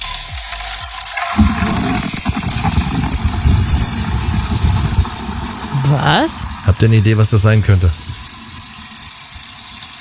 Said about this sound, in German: Na, irgendwas sprudelt da, irgendwas Flüssiges ist das. Ja. Ich hab erstmal die Gießkannen gefüllt und bin erstmal wirklich eine halbe Stunde durch den Garten, um erstmal wieder in den Blumen ein bisschen Wasser.